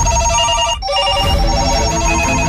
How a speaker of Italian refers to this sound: Sente questi telefoni che non smettono di suonare?